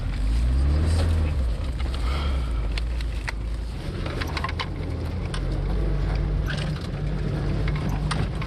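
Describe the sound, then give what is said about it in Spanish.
A UAZ van engine runs steadily, a loud, low droning rumble that continues throughout, with rattling clicks and rushing wind noise layered over it. “¿Qué haríamos sin las furgonetas UAZ? Este auto aguanta casi cualquier cosa, siempre que no sea un impacto directo.”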